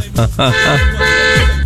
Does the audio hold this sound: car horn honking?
yes